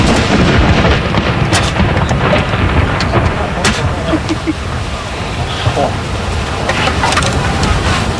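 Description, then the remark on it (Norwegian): Cannon salute shots boom out at intervals at Akershus Fortress over a steady roar of outdoor noise and a murmuring crowd of onlookers, many filming, each blast sharp and heavy, with voices talking in the background. “Andra kanon.”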